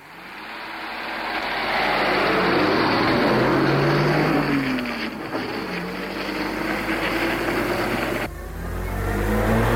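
A loud car engine roars steadily, its pitch climbing and dipping as it revs, with a sudden shift in tone near the end. No one speaks.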